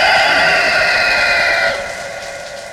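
A rooster crows loudly in one long, strained call that holds steady and then trails off. No one speaks.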